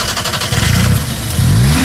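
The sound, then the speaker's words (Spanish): A loud car engine, not electric, revs as the accelerator is pressed hard, its low rumble climbing in pitch over about two seconds with a rising whine near the end, heard alone without talking. “Este magnífico coche, permítame que te diga, que suena exactamente así. A ver si consigo llevaros el sonido en directo.”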